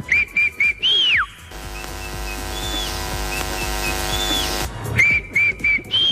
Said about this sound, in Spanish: Entonces él siempre antes de competir me chifla. Y el escenario siempre quedaba callado, realmente, esperando el pistoletazo para darle inicio a una carrera. Y yo silbaba del sitio donde me encontraba.